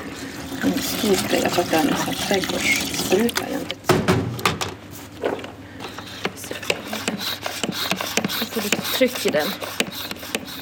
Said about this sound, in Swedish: Så det här är rå umbra. Det är min absoluta favoritskit. Den blir så fin smuts. Man kan använda den till allt om man vill smutsa ner någonting. Det häller jag ner i en spray.